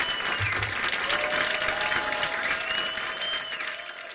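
A live audience at the WTMD studios claps steadily and loudly for several seconds after a song, a dense wash of applause that holds even and begins to thin toward the end, with a faint tonal whistle or feedback ring underneath.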